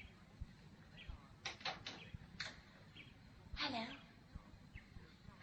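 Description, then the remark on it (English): A few short, bright bird chirps come in quick bursts, followed by one longer descending whistle-like call, heard over a quiet background with faint low thumps. “There's no music, only a bird singing.”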